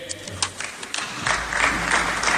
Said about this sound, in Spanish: Y aplauden cuatro colgados ahí.